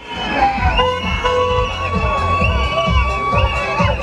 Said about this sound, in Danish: Og når de her studentervogne, som vi hører her, ruller ud fra landets gymnasier, så skal der selvfølgelig være styr på sikkerheden.